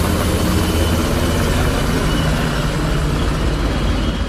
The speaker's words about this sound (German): Über der Stadt kreisten Hubschrauber von Bundeswehr und Polizei.